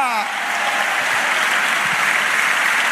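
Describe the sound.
An audience applauds the Lord in a steady, dense wash of clapping that holds at a constant loudness for the whole stretch. A voice trails off briefly at the very start.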